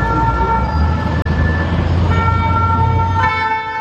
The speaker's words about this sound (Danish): Der er sirener og tumult i gaderne, fordi ja, der er blandt andet biler, der sættes i brand.